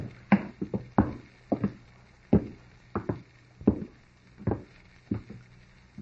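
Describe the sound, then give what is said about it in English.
Hollow footsteps clatter down the wooden steps of a ship's companionway aboard a floating laboratory, a dozen or so uneven thuds in loose pairs over a low steady hum, with no one speaking. “We're going down this companionway.”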